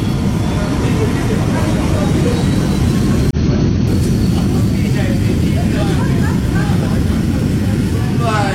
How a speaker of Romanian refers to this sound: Stimați ascultători, ne aflăm cu microfonul pe aeroportul Otopeni, unde exact acum câteva clipe a aterizat avionul